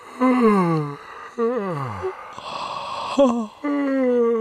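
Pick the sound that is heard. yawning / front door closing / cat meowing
yawning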